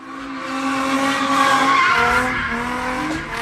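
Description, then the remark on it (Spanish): Car tires squeal loudly and steadily as a group of young people do donuts with their cars in Los Angeles, California, a sustained high screech riding over a churning engine roar, with no talking. “Ahora, en Los Ángeles, California, un grupo de jóvenes hacían donas con sus autos hasta que literalmente desgraciaron uno de sus vehículos.”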